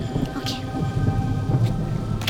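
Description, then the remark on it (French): Steady rain hisses throughout with a deep, continuous low rumble underneath, like thunder, and a few brief brighter patters cutting through at moderate loudness. “Dès que la pluie cessera, nous passerons à l'action.”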